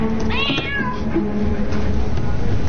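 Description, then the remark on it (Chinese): A cat meows once, a rising-and-falling cry near the start, heard over a steady low background hum with no talking. “人家的猫就爱吃鱼，我们家这猫就爱吃猪肉，还没个够。”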